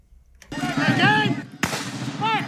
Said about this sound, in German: Kanonenschläge donnern über die Lichtung im Nationalpark von Vincennes, Indiana. Pulverdampf verschleiert den Zuschauern teilweise die Sicht.